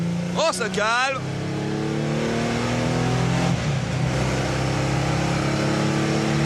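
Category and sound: vehicle, car engine revving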